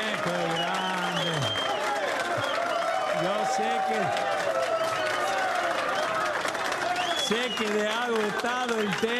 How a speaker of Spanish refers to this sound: Una barbaridad, un aplauso para mí más fuerte, que soy tímido, por favor. Muchas gracias.